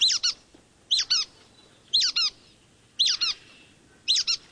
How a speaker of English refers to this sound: while the brown-headed nuthatch comes off as squeaky.